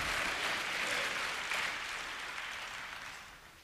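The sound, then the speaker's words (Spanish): A crowd claps together in praise of the Lord, a dense, sustained wash of applause that gradually fades toward the end, with no voices standing out above it. “Vamos, vamos, vamos, vamos, dele palmas al Señor.”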